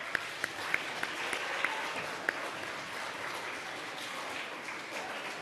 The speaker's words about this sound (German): Und auch für die 5 einen heftigen Applaus.